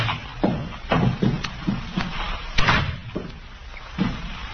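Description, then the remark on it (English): A door is pushed open amid a series of dull thumps and knocks, fairly loud, with shuffling movement between the bumps and no voices. “Door's open.”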